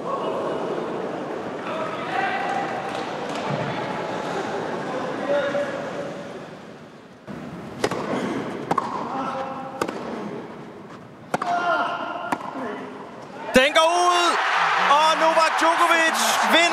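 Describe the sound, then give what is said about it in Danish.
A tennis rally at match point of the longest Wimbledon quarterfinal ever played, won by Novak Djokovic over Felix Auger-Aliassime after 5 hours and 15 minutes: a handful of sharp ball strikes spaced roughly a second apart over a murmuring crowd, ending in a sudden eruption of loud cheering and applause. “Lad os lige høre den sidste bold til at starte med. Matchbold.”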